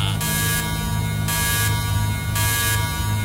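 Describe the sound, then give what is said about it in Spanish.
A loud, harsh electronic alarm buzzer sound effect, played on the radio station La Mejor FM 90.9, blares continuously, pulsing in regular bursts of brighter, raspier tone roughly every second, steady with a droning low hum underneath. “¡Ay! ¡Ay! ¡Alarma!”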